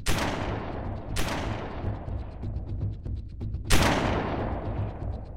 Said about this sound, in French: Alors, il arme son fusil en direction des deux loups. Il ne lui reste que 3 cartouches. Il les tire toutes.